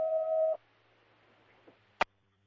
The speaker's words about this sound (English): Cancellation tones.